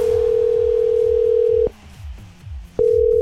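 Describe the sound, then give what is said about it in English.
A steady, mid-pitched telephone dial tone drones loudly as Star 106.3 radio makes a phone call, cuts off with a click, leaving a soft rhythmic music bed for about a second, then clicks back on. “I've got a pretty important phone call to make.”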